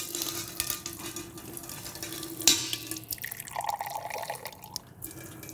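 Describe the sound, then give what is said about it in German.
A sweet, not-yet-pasteurized apple drink is poured into a glass until it is full, with a steady splashing trickle, brief drips and a rising fill tone toward the end; no one speaks. “Voll das Glas? Ich drückst du nochmal nach, bitte? Ja, ich drück nochmal nach. Das hört sich ein bisschen lustig an, ja?”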